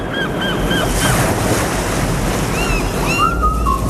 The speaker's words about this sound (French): On s'y croirait presque, non? Les petites mouettes. On y était. On y était. Ah ouais. On y était. Il suffisait de fermer les yeux.